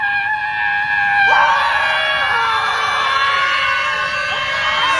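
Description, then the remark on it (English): A crowd of protesters at a scream protest, standing around and screaming together in a loud, sustained wall of overlapping high-pitched voices that swells and holds for several seconds without a break. “It was a scream protest. They just stood around and screamed.”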